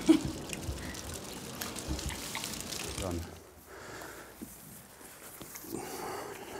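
Water sloshes and splashes as a mouth is rinsed out thoroughly after its teeth have been ground smooth, a steady hissing gush for about three seconds before easing into quieter, irregular spurts and drips.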